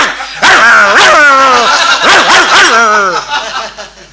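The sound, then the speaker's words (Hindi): A loud human voice mimics a house dog barking, giving a run of about four or five pitched, yelping barks that rise and fall before trailing off. “ये कोई गीत था, वो गा रही थी मैडम, अचानक घर का कुत्ता चैन तोड़ के स्टेज के करीब आ गया और शुरू हो गया।”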